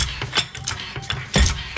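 A car jack being cranked to lift a car, with a steady series of rhythmic metallic ratcheting clicks, about three per second, then a heavier clunk near the end. No voices.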